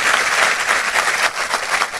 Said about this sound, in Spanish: Si usted lo cree, dele fuerte ese aplauso.